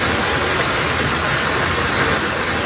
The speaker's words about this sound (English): It sounds like a river, right? It's actually water rushing into one Toronto home, a microcosm of a bigger issue.